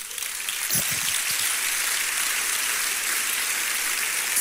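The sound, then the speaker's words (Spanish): An audience claps for Christ in a dense, steady wash of applause that holds at an even loudness for about four seconds, with no voices over it. “A ese Cristo asombroso, dale un aplauso.”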